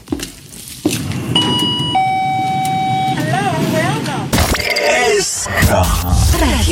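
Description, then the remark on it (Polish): A bright electronic entrance chime rings out as doors open, evoking a shop in Asia: a couple of clear sustained tones stepping down in pitch over a busy background hum, followed by louder noisy bustle with indistinct voices. “To teraz każdy, kto był w Azji, niech zamknie na chwilę oczy. Otwierają się drzwi.”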